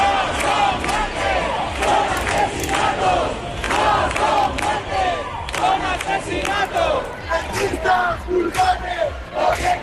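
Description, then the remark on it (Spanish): A large crowd of protesters from the Puerta del Sol camp, marching at night toward the Congreso de los Diputados in Madrid, chants the slogan "Rentistas culpables, gobiernos responsables" in unison, voices rising and falling in a steady repeated rhythm, loud and continuous with shouts and whistles breaking through. “Rentistas culpables, gobiernos responsables, es lo que se gritaba anoche en esa marcha hacia el Congreso de los Diputados.”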